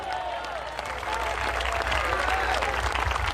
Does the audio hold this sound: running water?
no